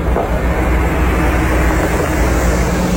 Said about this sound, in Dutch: Rijdt een grote bus. AI Data Revolte staat daarop.